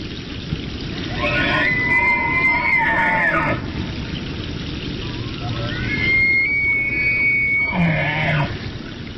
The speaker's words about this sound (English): The bugling call of a bull elk is a signature sound of the Rocky Mountains in autumn. Elk are the second largest deer species in North America after the moose.